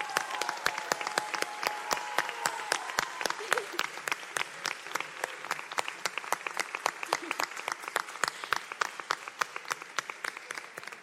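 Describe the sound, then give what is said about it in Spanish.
An audience applauds steadily for about eleven seconds for this year's pubilles and hereus, many hands clapping in dense, irregular bursts, with faint voices briefly audible beneath the clapping near the start. “En primer lloc, voldria que tornéssim a aplaudir tots, sisplau, per les pubilles i els hereus d'aquest any.”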